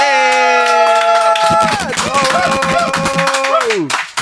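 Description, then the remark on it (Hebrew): A sustained, bright musical tone rings out, then a burst of audience applause for a musician who has just played old and new pieces breaks in underneath it: dense, rapid clapping from many hands that stays loud until the tone slides down and fades. “אז הוא ניגן ישן וחדש והכל ביחד, ותנו לו מחיאות כפיים,”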